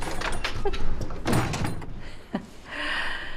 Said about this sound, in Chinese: 又不是你出嫁，把门给带上。